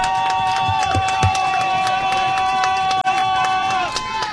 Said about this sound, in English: This homecoming crowd is insane tonight. It is filled to the rafters.